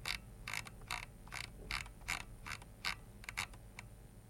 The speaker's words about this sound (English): So there is a whole, long, you can hear the, my scrolling here. Listen to this. So this is, I'm going to scroll here from the top of the page to the bottom of the page. Here, listen to this.